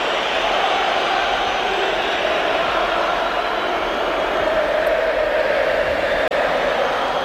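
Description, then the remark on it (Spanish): A stadium crowd at the Metropolitano whistles and jeers at Julián Álvarez as he enters the pitch in the 66th minute, in a loud, unbroken wall of shrill noise that holds steady throughout, with no clear voices standing out. “Pues esos silbidos que no dejaban escuchar su nombre y ese mensaje de la afición, ese dile que se vaya, son tan claros y contundentes”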